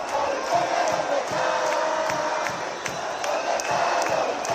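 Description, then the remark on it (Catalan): A large crowd of about 25,000 marchers chants loudly and continuously at a protest through the streets of an autonomous city, aimed against the Spanish government, many voices blending into a dense, rhythmic roar with occasional sharper shouts rising above it. “Els càntics allà també anaven dirigits en contra del govern espanyol.”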